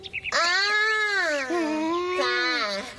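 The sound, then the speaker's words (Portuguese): A person's voice imitates a baby crying, producing a loud, sustained, wavering wail in two long bursts with a brief dip between them. “Eu só tô fazendo o personagem da Oribella Bebê.”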